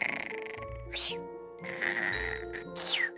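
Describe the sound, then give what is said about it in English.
Soft, cartoonish snoring of a sleepy caterpillar repeats in a slow rhythm, with breathy wheezes rising and falling about once a second over a gentle, sustained musical tone. “Under the light of the moon, as the owls beneath began to soar, the only sound that could be heard was a sleepy caterpillar snore.”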